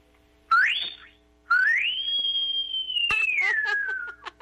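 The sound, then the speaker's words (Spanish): A person whistles twice as a farewell: a short rising whistle, then after a pause a long one that swoops up, holds high and slowly slides down, fairly loud, with no one talking. “Ya despídanos con un chiflido.”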